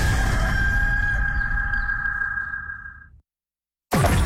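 A single long, loud rooster crow rings out for about three seconds over a noisy background, then cuts off abruptly into silence before another burst of sound begins.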